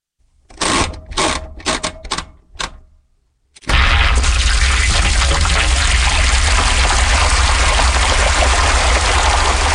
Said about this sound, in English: This is a washing machine, and it's been turned into music.